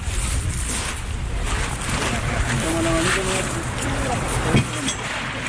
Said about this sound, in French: Voilà. On monte dans le bateau.